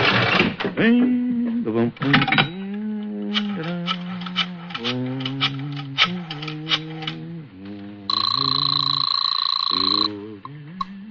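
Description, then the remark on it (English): A run of quick clicking pulses, like a rotary phone being dialed to make a phone call, leads into a steady, bright telephone ring lasting about two seconds, with a man's voice talking underneath much of it. “Right now, I want to make a phone call.”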